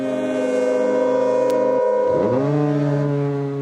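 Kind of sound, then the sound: signal or alarm, foghorn blast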